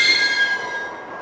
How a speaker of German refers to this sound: Sie war nicht abgeschlossen, sondern nur durch 3 ungewöhnlich starke Riegel gesichert. Ich öffnete die Tür.